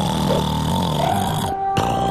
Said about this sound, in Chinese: 哇哦，华丽，你打呼的声音好响啊。